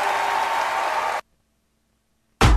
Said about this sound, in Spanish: ovación. Gracias, chicos. Muchas gracias.